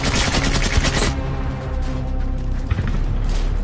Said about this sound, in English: He emerges from his hatch and begins to fire, adding to the cacophony. With a rash of gunfire and explosions from around the village